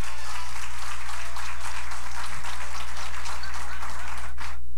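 A crowd applauds steadily for several seconds, a dense wash of many hands clapping at moderate loudness, fading out abruptly near the end.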